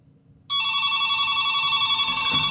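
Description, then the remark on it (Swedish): After a brief near-silence, a telephone bell suddenly starts ringing during a radio broadcast as a listener calls in, loud, with a bright, sustained metallic trill that continues without pause to the end. No one speaks. “Och jag ber lyssnaren vänta lite där i telefonen där så länge.”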